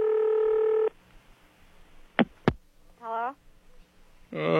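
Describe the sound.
A telephone call to Andover, Ohio is dialed: a steady electronic phone tone sounds for almost a second, followed by two sharp clicks. A brief voice and a burst of noise come near the end.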